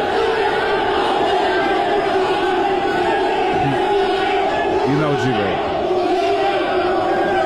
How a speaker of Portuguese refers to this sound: Isso aí é uma gritaria. Só faltou o casco do cavalo. O pessoal do Remo tá gritando com ele, ele tá gritando de volta com os caras.